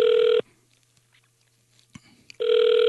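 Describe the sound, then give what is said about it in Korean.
Two loud, steady electronic ringback tones of a phone call that goes unanswered, one at the start and one at the end, with a quiet gap between them holding faint clicks and rustle. No one speaks. “아이고, 전화를 안 받으시네.”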